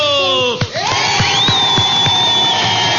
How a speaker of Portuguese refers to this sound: Pra quem acertou, pra quem tentou, palmas pra todo mundo!